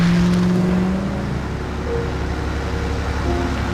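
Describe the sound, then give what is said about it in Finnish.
A car drives steadily on a trip out to the countryside, with a low, continuous engine drone and road rumble, fairly loud, holding a constant pitch with a slight shift partway through; no one speaks. “Mä ajan maalle petakseen ja sytytän nää tuleen.”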